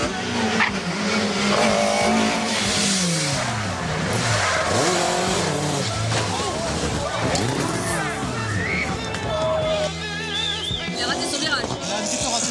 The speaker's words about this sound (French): Pendant que les voitures continuent à défiler et à drifter pour le plus grand plaisir des spectateurs,